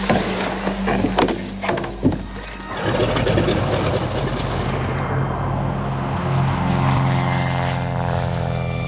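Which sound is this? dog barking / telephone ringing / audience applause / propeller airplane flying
propeller airplane flying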